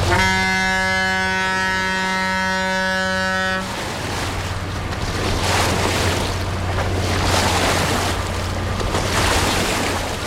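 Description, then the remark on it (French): A large river barge passes: a steady, tonal engine drone gives way to loud, continuous rushing and splashing of its big waves against the water, with no voices. “Et il y a aussi des monstres beaucoup plus conséquents hein, qui passent et qui font des grosses vagues.”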